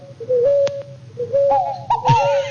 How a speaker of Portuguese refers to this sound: E eu quero saber que passarinho é esse que tá cantando aí, ó. Ó, escuta, escuta. Vamos escutar, ó, ó.